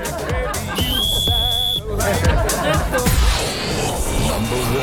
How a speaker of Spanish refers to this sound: este silbato, más conocido como el pito.